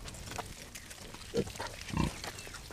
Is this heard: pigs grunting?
yes